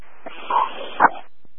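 A chihuahua lets out two short, high yaps about half a second apart, somewhat muffled over a steady hiss of background noise, then the noise cuts off.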